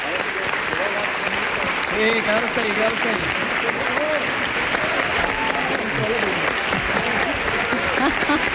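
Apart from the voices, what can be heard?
audience applause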